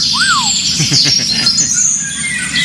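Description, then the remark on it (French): Eurasian golden oriole song: a clear, fluty whistle that rises and falls near the start, then softer chirps, all over a steady background chorus of other birds and high buzzing. “C'est le L'Oriole d'Europe.”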